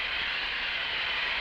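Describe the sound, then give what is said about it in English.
A steady, loud hiss of hot steam blasting onto Mylar plastic film without a break, testing its strength at high temperature; a broad rushing noise concentrated in the upper range. No voices are heard. “Well, let's keep a blast of hot steam on it and see.”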